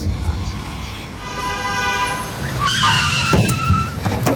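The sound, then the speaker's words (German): A car's tires screech in a sustained, high-pitched squeal as it skids to a stop, nearly running a person over, the whine rising and holding over a low engine rumble, loud. “Du hättest mich fast überfahren.”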